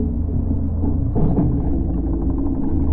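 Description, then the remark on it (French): A fishing boat's motor drones overhead as fishermen cast their fishing net: a steady, deep, muffled rumble with a throbbing low hum that holds constant for the full three seconds, with no voices. “Un bruit de moteur au-dessus de nous. Pétard, des pêcheurs, manquait plus que ça.”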